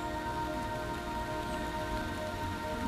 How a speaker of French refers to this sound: 8h30 du matin, 1000 mètres d'altitude. Et aujourd'hui, une forêt plus intimiste, peut-être plus silencieuse, s'offre à vos oreilles. Le bruissement de la pluie